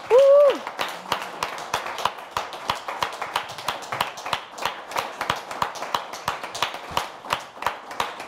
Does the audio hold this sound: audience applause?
yes